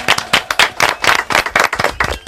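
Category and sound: crowd, loud applause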